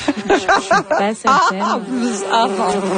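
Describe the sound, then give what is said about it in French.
A beehive buzzing sound effect: a dense, continuous buzzing like a swarm of bees, loud and steady for about three seconds, its low droning pitch wavering and gliding up and down throughout. “des motifs lumineux qui ont été créés par les sons de plus de 30 000 abeilles”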